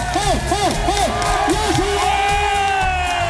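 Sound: audience cheering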